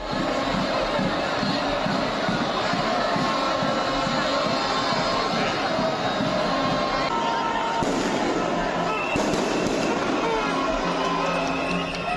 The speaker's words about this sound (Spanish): Escuchado, hasta fuegos artificiales se lanzaron. Yo me retiré pasada las 3 de la mañana y la marea de gente caminando desde Alfonso el Sabio, desde por la zona, desde, digamos, del mercado central hasta la plaza de los Luceros, no cesaba.